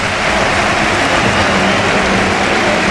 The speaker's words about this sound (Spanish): Se va Rafinha, esta es la ovación.